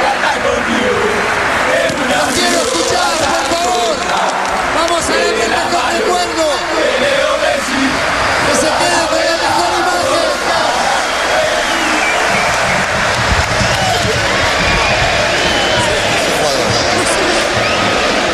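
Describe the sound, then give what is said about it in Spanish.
A rowdy group of voices belts out a celebratory chant together, loud and continuous for the whole stretch, with shouts and occasional thumps or claps. The singers are national football team players chanting in honor of their teammate Leo Messi. “Sus propios compañeros de selección cantando cánticos en su honor, diciendo que de la mano de Leo Messi, a ese nivel, lo respetaban y lo admiraban en su selección, sus compañeros de selección.”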